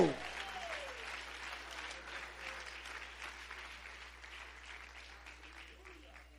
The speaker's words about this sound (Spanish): un fuerte aplauso a Cristo.